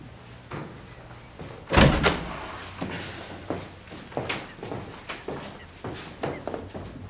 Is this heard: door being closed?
yes